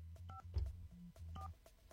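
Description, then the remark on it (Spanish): A quick series of touch-tone beeps as a phone number is dialed for a call, short dual-pitched tones in a steady rhythm over a low background hum, clear. “Vamos a marcar.”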